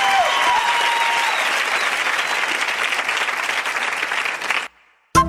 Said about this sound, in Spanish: Un aplauso para mi amiga